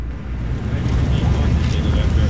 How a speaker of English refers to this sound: Okay, I'm standing here right now on the Michigan Avenue Bridge, and the Chicago River is right underneath me. There's some ducks floating under there, and a boat just went by, and here's another one coming.